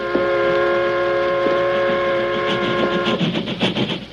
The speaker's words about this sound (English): The locomotive seemed to leap forward as though it were made of flesh and blood.